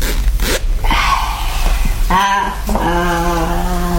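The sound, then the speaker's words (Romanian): A garment zipper is drawn closed in a few quick pulls, with a raspy rising buzz followed by a longer, steadier zip. It sounds fairly loud, and no one speaks. “Drăguță, închide mâna ta fermoară.”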